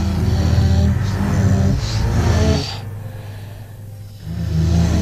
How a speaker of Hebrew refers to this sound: נשימות, צלילים ברוורס.